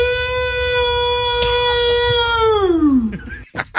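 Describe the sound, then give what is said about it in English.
A person performs the Ohio Bigfoot howl at a Bigfoot calling competition in Ohio: one long, loud, steady wail holding a high note, then sliding downward and breaking off into a few short, rough bursts over a low background rumble. “Okay, this is the Ohio Bigfoot howl here at a Bigfoot calling competition.”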